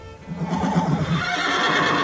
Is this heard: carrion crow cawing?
no